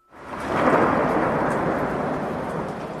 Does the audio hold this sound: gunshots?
no